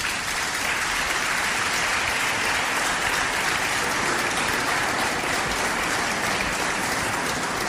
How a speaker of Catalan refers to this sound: Dedicar-li també un fort aplaudiment.